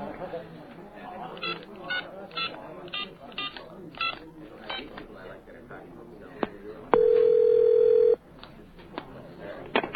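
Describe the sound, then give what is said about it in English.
Quick cell phone keypad tones mixed with people talking, followed by a single steady ringing tone lasting just over a second, fairly loud. “You have a cell phone? Yeah, always at the ready”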